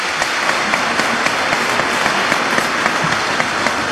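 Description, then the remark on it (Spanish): An audience at a church Mass for the feast of the Holy Guardian Angels applauds the angels steadily for several seconds, a dense, even wash of many hands clapping with scattered sharper claps standing out and no voices above it. “Un aplauso a los ángeles.”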